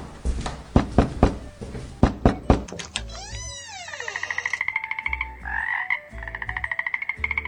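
A few sharp knocking clicks give way to a toad croaking in rapid, pulsing trills, several rhythmic bursts, loud, with no one talking.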